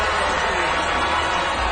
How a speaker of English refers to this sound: Despite the booing, the project was approved unanimously.